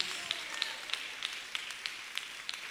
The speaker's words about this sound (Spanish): Démosle un aplauso al Dios de los cielos. Aleluya.